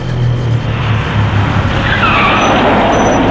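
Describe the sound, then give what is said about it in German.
A large bus rumbles and brakes to a stop at a bus stop, a drawn-out brake squeal rising over the heavy engine noise near the end. “Plötzlich hielt ein Bus an der Haltestelle.”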